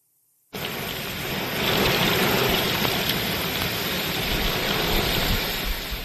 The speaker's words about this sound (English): This video from Marietta, Georgia on Sunday. Heavy rain moving through. You know what you say about the South. When the skies open up, they open up.